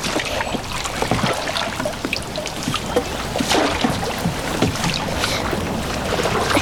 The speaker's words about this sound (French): Tu vas à l'arrière et tu pousses l'arrière du bateau vers... Pousse. Vas-y.